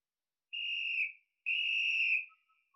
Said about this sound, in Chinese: 二曼又换了个地方吹起了哨子，用这种麻雀战配合地雷战是一种极好的打法，用这种办法对付敌人，把他们弄得晕头转向。